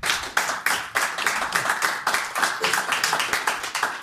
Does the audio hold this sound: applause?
yes